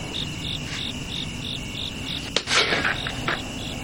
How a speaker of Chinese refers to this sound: 蚊子没打着，这回打上。